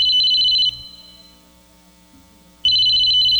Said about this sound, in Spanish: Suena el teléfono, oiga, oiga.